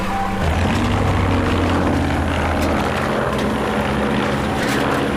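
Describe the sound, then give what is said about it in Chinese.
A propeller airplane circles overhead, droning loudly, its engine a steady, throbbing hum that holds without a break, with slight shifts in pitch as it passes. No one speaks. “这飞机绕来绕去的，我总觉得不太对劲儿，心里直发慌啊。”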